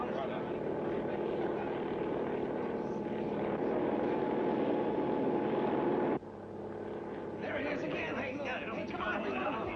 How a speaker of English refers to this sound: A party of scientific experts is now taking off by helicopter.